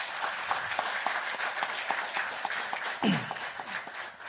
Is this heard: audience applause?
yes